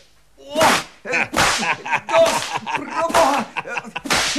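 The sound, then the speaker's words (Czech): A whip cracks about six times in quick, uneven succession, each snap loud with a sharp, hissing tail, and faint voices or grunts mixed between the strikes. “Ten bič se zdá solidní. Dejte sem!”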